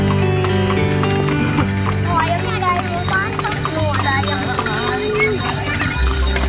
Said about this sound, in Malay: Delman adalah kendaraan transportasi tradisional roda 2, 3, atau 4 yang tidak menggunakan mesin tetapi menggunakan kuda sebagai penggantinya.